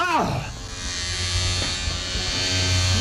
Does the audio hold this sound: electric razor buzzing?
yes